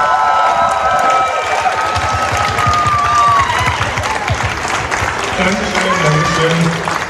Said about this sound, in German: Bitte schön und einen großen Applaus!